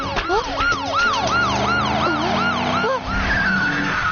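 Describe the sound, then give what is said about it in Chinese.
An emergency vehicle siren, sounded in an emergency to warn a truck driver to stop, wails loudly in quick rising-and-falling sweeps that repeat steadily for several seconds, layered over a low engine rumble. “现在情况紧急，拉响警笛也不会生气了吧？”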